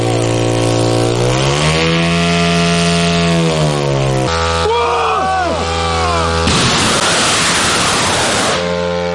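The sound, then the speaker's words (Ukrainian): Loud, buzzy propeller engines of several medium-range strike drones rev up as soldiers launch them, their whining drone rising and falling in pitch, with several engines overlapping and shifting throughout. All the drones take off normally. “Комбат вітає бійців з успішним запуском. Всі борти злетіли штатно.”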